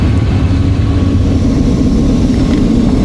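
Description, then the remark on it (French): A steady, loud roar of military aircraft engines as the planes fly in formation, making 90-degree turns and gathering into a line; a dense low rumble with faint whining tones that holds constant throughout, with no voices. “Alors c'est assez impressionnant, on fait des virages à 90 degrés et on voit les avions autour de nous qui se rassemblent et on s'est tous mis en file.”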